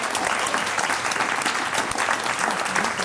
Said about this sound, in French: Donc on vous applaudit pour l'effort.